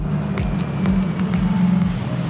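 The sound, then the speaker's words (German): A small blue electric bus with a driver at the wheel rolls up with a soft, steady low hum and faint tyre and road noise. There is no engine roar, and the sound stays fairly even throughout. “Fast geräuschlos kommt der kleine, knuffige, blaue Elektrobus angefahren.”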